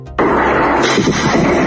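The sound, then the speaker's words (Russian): A sudden powerful explosion during a massive night drone attack on Novorossiysk, Krasnodar Krai, on 12 August, bursts in after a brief quiet moment. A loud, sustained roaring rumble follows and fills the rest of the short recording, with no voices. “Очевидцы сообщили, что мощные взрывы раздавались один за одним”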